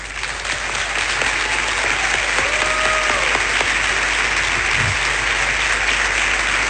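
Steady, loud applause from an audience, a dense wash of clapping that holds at a constant level from start to finish with no voices standing out.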